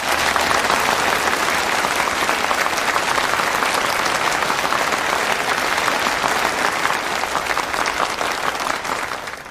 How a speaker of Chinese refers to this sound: 掌声很热烈啊，但是我觉得很刺耳。